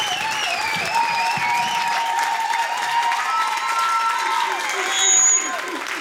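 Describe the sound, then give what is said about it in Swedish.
A large crowd applauds and cheers the winners of P4 Nästa Stjärna 2026 steadily for the whole stretch, a dense wash of clapping with whoops and sustained voices rising above it, loud throughout. “Fortsätt gärna jubla, för de, alltså det här ska firas.”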